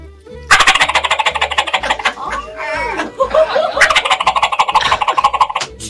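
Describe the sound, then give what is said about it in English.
Two loud, rapid rattling turkey gobbles, made with a mouth diaphragm call of latex, an aluminum frame and tape held in the roof of the mouth, separated by a brief warbling, yelping stretch in the middle. “And then you put this in the roof of your mouth, mm-hmm. and you make it gobble.”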